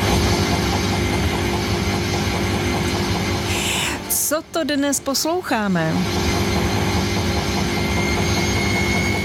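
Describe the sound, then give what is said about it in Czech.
An ordinary washing machine spinning laundry, its drum turning fast, recorded with the microphone placed very close: a loud, steady mechanical roar with a low hum running throughout, while a voice briefly asks a question in the middle. “A my tvrdíme, že obyčejnou pračku, která právě ždí, má prádlo, žádný zvláštní stroj, žádný motor ani turbína, jen jsme mikrofon položili hodně blízko ve chvíli, kdy se buben pořádně roztočil.”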